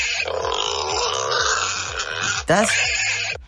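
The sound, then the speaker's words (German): Young wild boars grunt and squeal continuously, a dense overlapping chorus of short rough snorts with higher squeaky notes, steady and fairly loud throughout, with a sharper burst near the end. “Das sind kleinere Wildschweine. Das sind Schweinchen.”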